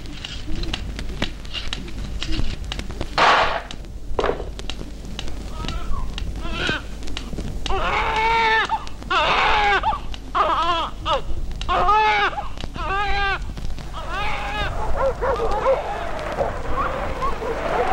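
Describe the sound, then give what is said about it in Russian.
A newborn baby, just delivered in the North with a midwife's help, cries in repeated wavering wails that start about halfway through and continue to the end, over a steady background hiss with scattered clicks and rustles. From an April 1965 documentary recording. “Ну вот еще один северянин родился. Кричи.”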